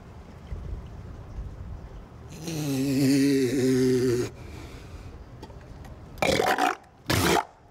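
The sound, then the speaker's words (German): A dog sneezes twice in quick succession, two sharp bursts, preceded by a longer nasal snorting or whining sound. No one is talking. “Gesundheit.”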